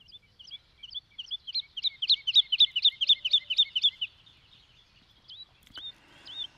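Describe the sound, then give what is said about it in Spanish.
A woodlark (Lulula arborea) sings a rapid series of liquid, fluting notes that rise in volume and repeat in a rolling descending phrase, ending with a few softer, scattered high notes, no voices present. “Muy arbórea, vive en el borde de los bosques con pastizales y canta así.”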